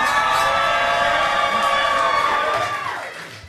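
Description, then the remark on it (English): A crowd cheers and whoops on the Ricky Smiley Morning Show, a loud, sustained roar with high, shrill voices layered on top, holding steady for about three seconds before tapering off at the end. “You make some noise one more time.”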